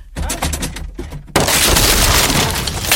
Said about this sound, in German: Junge, Junge, Sie haben die Tür eingetreten.